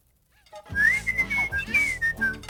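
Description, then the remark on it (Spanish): A tea kettle, put on for a cup of tea, whistles with a shrill, wavering tone that rises and dips in short stretches, loud, over a low rumbling hiss for about two seconds. “Pero hasta la tetera podía silbar.”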